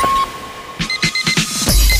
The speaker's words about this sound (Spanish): Suena el despertador.